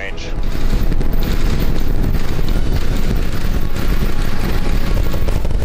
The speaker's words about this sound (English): Little more than 35 seconds into the flight, 33 out of 33 engines lit on. The massive rocket blasted off from SpaceX Starbase in Texas on an ambitious 14th test flight.